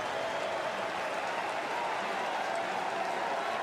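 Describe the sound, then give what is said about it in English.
A stadium crowd of Mets fans at Citi Field stands and claps in a dense, continuous wash of applause, thousands of hands blurring into a steady hiss-like roar that holds at an even, fairly loud level, during a baseball game with the Royals down to their final strike on a 2-2 count. “Mets fans, stand and clap.”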